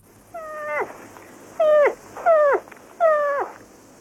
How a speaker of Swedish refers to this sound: Fel, den älgkalv som låter så där.